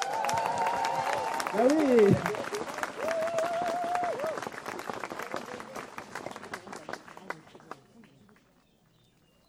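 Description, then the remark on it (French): An audience applauds steadily for about eight seconds, dense clapping that gradually thins out before stopping, with a voice speaking briefly over the start. “On peut l'applaudir.”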